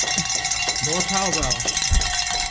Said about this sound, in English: Ring the bells.